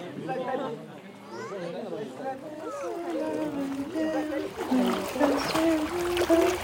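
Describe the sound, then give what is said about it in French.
Water splashes and sloshes as people wade across a river, with several voices chattering loudly over it; the splashing grows busier and more prominent toward the end. “On traverse la rivière, on passe sur bord, on passe sur.”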